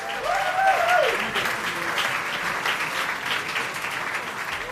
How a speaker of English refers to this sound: We're not used to that loud of an applause when we show up, you know, so... So I'm like, are y'all sure y'all in the right place?